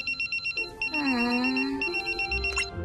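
A phone ringtone chirps in quick repeated bursts, then shifts into a sustained melodic electronic tone before the rapid trilling pattern returns, loud and close with no talking.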